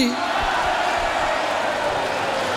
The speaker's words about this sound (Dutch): Groot applaus voor Boer Benny.